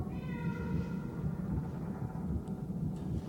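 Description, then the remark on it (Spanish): A single drawn-out meow from Jonesy the cat near the start, over a constant low rumbling background noise that continues after the cry fades. “Oye, gatita.”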